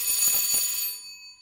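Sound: doorbell ringing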